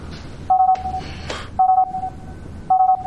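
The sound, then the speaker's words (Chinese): An emergency contact signal sent by No. 1 beeps in a steady repeating pattern, three loud tonal bursts about a second apart, each trailing into a softer tone, over a faint background hiss with no talking. “一号发出了紧急联系信号， 追踪信号确认位置， 信号在往医院方向。”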